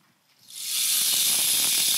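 A rain stick, made from a columnar cactus and turned by hand at a hands-on exhibit station, gives a steady rushing hiss of trickling grains that swells up within half a second and holds, with faint pattering clicks inside the wash.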